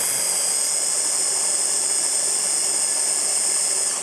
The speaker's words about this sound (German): So, und jetzt muss ich hier einmal wirklich alles ordentlich mixen. Einmal leer machen.